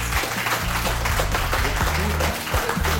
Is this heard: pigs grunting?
no